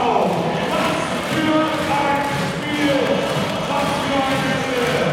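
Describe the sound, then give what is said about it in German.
A crowd of nearly 4,500 spectators in the Stadthalle arena in Rostock roars and cheers continuously, loud, with many voices blending into a dense wall of sound and bits of chanting rising through it, celebrating the Rostock Seawolves' 103-71 basketball win over the Hamburg Towers. “Ich hoffe wirklich, ihr bekommt die Atmo hier aus dem Tollhaus Stadthalle ein wenig mit. Pure Euphorie der knapp 4.500 Zuschauer und das völlig zu Recht, denn sie feiern gerade den höchsten Sieg der Rostock Seawolves in ihrer BBL-Geschichte.”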